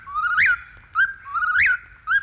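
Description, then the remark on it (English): A whippoorwill calls twice in the distance, each phrase a clear whistled note sweeping upward and ending in a short, sharp final note, repeated in a steady rhythm over faint low background noise. “Now, if you're quiet, I think you can hear the whippoorwill in the distance.”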